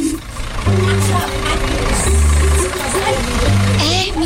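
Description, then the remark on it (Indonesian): A truck engine idles with a steady, low rumble that swells in a few heavier pulses, while voices chatter faintly in the background; the truck is about to haul goats. “Ayo ibu, cepet naik, jamnya mepet, masih harus ngurus kambing, masih harus ngangkut kambing, ini truk saya.”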